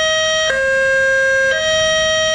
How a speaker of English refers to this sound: A new high-low warning is sounding an alert for residents of Jefferson and Clear Creek counties to evacuate. The distinctive sound will emanate from patrol vehicles when a mandatory evacuation order is issued.